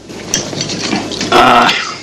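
Wine pours from a bottle into a glass at a hotel, a steady gurgling splash for about two seconds, rising to a brighter, ringing tone as the glass fills. No one speaks.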